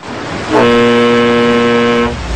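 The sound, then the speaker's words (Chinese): The Hanjiang steamer's whistle sounds one long, loud, steady blast lasting about a second and a half, rich and brassy, as the ship weighs anchor and sets off, then cuts off, leaving a low background rumble. “汽笛一声长鸣，汉江轮升起了锚链，起航了。”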